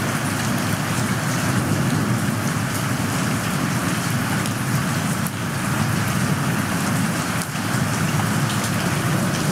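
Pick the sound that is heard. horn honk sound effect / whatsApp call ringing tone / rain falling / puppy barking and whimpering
rain falling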